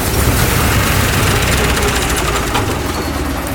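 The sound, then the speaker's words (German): A combine harvester's heavy engine runs loudly and steadily, a dense rumbling drone with a faint rhythmic knock that holds throughout without cutting out. “Als Kurt bei ihnen ist, schaltet er auch den Motor von dem Mähdrescher aus.”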